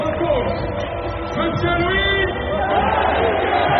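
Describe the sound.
A stadium crowd, including fans in the Borelli stand, applauds and cheers as the club's staff come out of the tunnel, in a steady, dense roar that fills the whole stretch, with voices and chatter mixed into the wash of noise.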